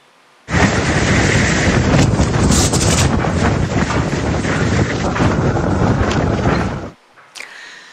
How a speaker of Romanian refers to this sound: Imaginul uitoare vin din Irak, acolo unde o furtună de nisip a lovit puternic o regiune din vestul țării.